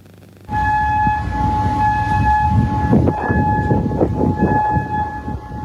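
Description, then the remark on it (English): An air raid siren in Kuwait sounds a loud, sustained, steady wailing tone warning of incoming drones and missiles, starting abruptly and holding throughout, with rumbling outdoor background noise beneath it and no voices. “This was one of the many air raid sirens that echoed across Kuwait today, signaling incoming drones and missiles.”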